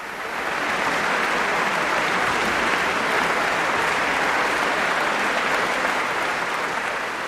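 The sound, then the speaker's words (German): Sustained, dense applause from a large audience at the Bonn Beethovenfest at the end of a London Symphony Orchestra concert, steady and loud throughout with a bright, noisy texture of countless hands clapping at once, fading in briefly at the start. “Es ist unüberhörbar, das Publikum beim Bonner Beethovenfest war hin und weg am Ende dieses Gastspiels des London Symphony Orchestra am Rhein.”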